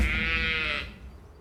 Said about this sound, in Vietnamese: Tiếng gì vậy nhỉ? À, tôi ngáp ấy mà.